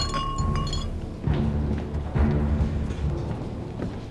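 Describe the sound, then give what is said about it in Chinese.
A few bright glass clinks ring out near the start as people drink a toast, leaving a short ringing tone, before a fuller, murmuring background of room noise takes over. “谢谢谢谢谢谢谢谢， 干杯干杯， 谢谢。”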